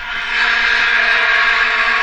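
A dense, unbroken drone of many vuvuzela horns blaring together at the 2010 World Cup in South Africa, a loud buzzing swarm-like tone that holds steady for the whole two seconds with no voices.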